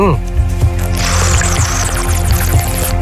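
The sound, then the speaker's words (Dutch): A water whistle warbles and trills like a songbird, its high bubbling chirps running continuously for a few seconds over a low, steady hum. “De waterzanger. Hier komt ie.”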